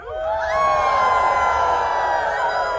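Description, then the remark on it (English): A crowd at a Sasquatch calling contest howls together like wolves at a full moon, many voices rising into long, sustained, wavering cries that overlap and hold steady at full volume for a few seconds. “Can I hear a little full moon howl?”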